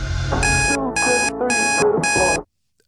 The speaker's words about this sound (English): It's a quick clip, so get ready. What's the alarm?